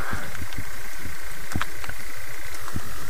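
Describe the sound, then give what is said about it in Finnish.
A common toad croaks in a steady stream of low, rapid pulses that throb on continuously, the only call heard, recorded for a nature radio programme from hiding behind a tussock. A faint high hiss runs over the top, and no one speaks. “Komeasti kyllä kurnuttaa.”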